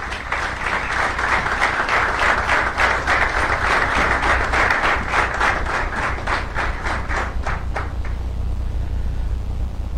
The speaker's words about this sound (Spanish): Damos un aplauso al Señor por la vida del pastor.